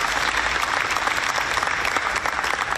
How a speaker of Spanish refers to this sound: Un aplauso para los puertos que se han puesto la camiseta por Buenaventura.